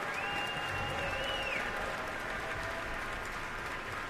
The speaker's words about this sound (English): And now all three have turned around once more to applaud in unison.